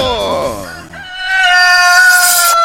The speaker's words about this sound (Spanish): ¡Que se oiga el canto del gallo!